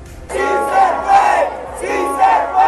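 A large crowd of supporters of candidate Iván Cepeda cheers and chants in loud, swelling waves of voices at the entrance of a polling station in the west of the capital, rising into several strong surges over a few seconds without pause.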